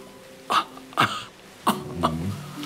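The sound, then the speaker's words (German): Four short, raspy coughs in two uneven pairs, each a sharp burst with a brief voiced rasp, separated by quiet pauses. “Irgendwelche Beschwerden außer dem Hustenreiz?”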